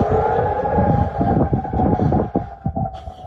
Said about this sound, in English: Sirens are echoing in Jordan's Amman.